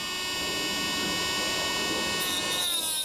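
A motor-driven diamond grinder whines steadily as it shortens overly long alpaca teeth, a loud, continuous high-pitched tone with layered harmonics and gritty grinding noise beneath, its pitch dipping slightly near the end.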